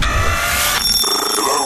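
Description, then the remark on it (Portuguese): A telephone rings loudly, a bright electronic warble with dense harmonic tones that shifts pitch partway through the short burst, with no voices. “Vamos ao telefone mais uma vez.”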